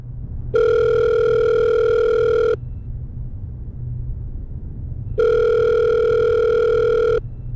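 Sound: telephone ringing tone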